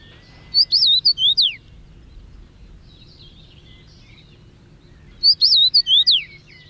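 A large, stout finch sings its 'pleased to meet you' song: two short whistled phrases separated by a pause, each a quick run of sliding, high-pitched notes, clear and loud over faint background hum.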